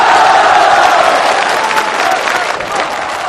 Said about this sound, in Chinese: 掌声送给您